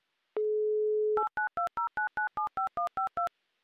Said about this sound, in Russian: Пропищал набор номера, дожидаемся гудков, но они опять короткие, ничего страшного.